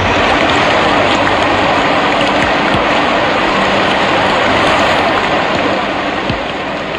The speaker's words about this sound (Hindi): एक बार की बात है, रात्रि का समय था, घनघोर वर्षा हो रही थी।